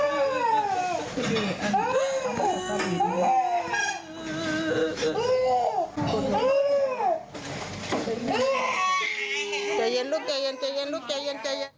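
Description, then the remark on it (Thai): A one-year-old child, whose finger was cut off by a nurse's scissors while gauze was being cut, wails loudly and almost continuously in rising, strained bursts, while the mother's quieter sobbing and moaning can be faintly made out underneath. “นอกจากเสียงเด็กร้องแล้วเนี่ยถ้าคุณผู้ชมฟังดีๆจะมีเสียงฮือๆเสียงคุณแม ่ คุณแม่ก็เจ็บไปด้วย”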